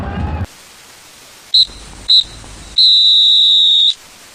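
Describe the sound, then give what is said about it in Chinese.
A referee's final whistle ends the first Northeast Super League (东北超) amateur football final, won by Changchun, in a stadium surrounded by sea on three sides with 63,259 spectators: three shrill blasts, two short ones followed by one long held blast, over a steady hiss of background noise. “三声哨响啊！”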